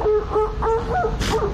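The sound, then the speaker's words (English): An adult female elephant seal gives soft, repeated calls to her pup, a quick series of short, tonal, croaking notes, broken once by a brief breathy rasp. “So you can hear that softer sound she makes is to her pup.”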